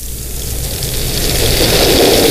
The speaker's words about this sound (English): Look at this. It's raining. Good. Look at this. I got everything here, and now it's raining.